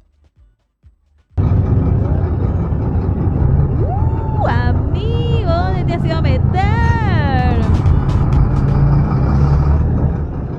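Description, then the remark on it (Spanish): Loud, steady roar of a congested traffic jam of trucks, taxis and trufis idling, around kilometer 8 of the road to La Guardia, starting abruptly and continuing throughout, while a man talks over the din. “Camiones, taxis, trufes. No, metido completamente en la trancadera, no te la puedo creer, amigo.”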